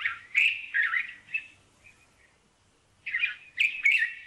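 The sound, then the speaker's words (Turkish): A white-spectacled bulbul calls in bursts of bright, bubbly chattering notes, clear, pausing briefly in the middle before resuming with a louder flurry. No one speaks. “Gerçekten Arap bülbülünü bilenler bilir. Bulunduğu yerde en yaygın türlerden biridir.”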